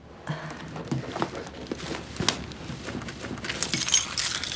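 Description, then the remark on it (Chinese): Metallic jingling and clinking of house keys, a run of irregular bright clicks that grows busier and brighter toward the end as the bunch is shaken and handed over, along with electricity and water cards. “这是我们家的钥匙。”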